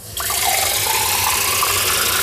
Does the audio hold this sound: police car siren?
no